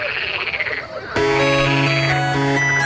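A frog croaks in quick, buzzy pulses for about a second. Then a loud, steady, musical tone suddenly takes over and holds to the end.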